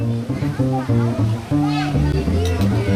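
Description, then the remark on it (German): Children's voices fill the air as a few children play by a pond in Lienen, calling, chattering and letting out a few high shrieks, with faint watery splashing mixed in, busy throughout. “Ein paar Kinder spielen am Teich und kreischen.”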